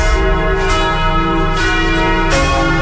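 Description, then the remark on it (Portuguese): Church bells in Jequié ring loudly, their rich overlapping tones sustaining while new strikes land roughly every second or so. No one speaks. “Vamos ouvir os sinos.”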